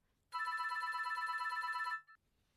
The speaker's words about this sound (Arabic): ناهد ردي على الهاتف